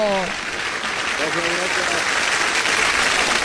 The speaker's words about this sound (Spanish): ¡Aplausos, fanfarrias, tambores, boncito!